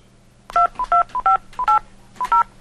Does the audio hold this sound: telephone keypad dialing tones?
yes